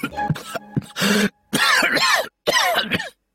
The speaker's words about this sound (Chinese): 陈平因为急于阻止刘邦，被茶水呛得咳嗽了许久。